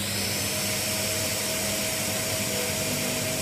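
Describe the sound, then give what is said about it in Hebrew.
A steady, loud vacuum-like suction device whirs continuously with a constant tonal hum, close and unchanging throughout, with no voices. “אני המצאתי מכשיר מיוחד ששואב רגשות.”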